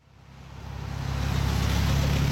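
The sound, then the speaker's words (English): Traffic swells steadily as a car approaches and passes by, a broad whooshing roar with a hissy, wet-sounding edge like tires on a rain-soaked road: cars zooming through the Juneau Douglas Bridge intersection in Juneau in the rain on a Tuesday morning, past candidates and supporters waving signs. “Cars zoom past candidates and supporters as they wave signs and sip coffee in the rain at the Juneau Douglas Bridge intersection Tuesday morning.”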